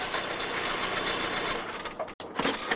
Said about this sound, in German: Wenig später fuhr der Lord mit seinem Auto vor.